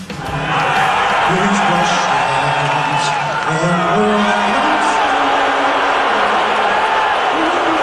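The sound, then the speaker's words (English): A loud, dense crowd murmurs and calls out throughout, with occasional whoops rising above the chatter and a few sparse, isolated claps heard faintly within the noise. “There's one person clapping. That's not a whole lot of cheering.”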